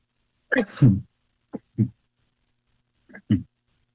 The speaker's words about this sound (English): Excuse me, I have to sneeze. Excuse me.